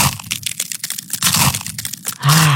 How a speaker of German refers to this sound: Eiswaffeln knuspern, das ist so toll, das macht Spaß.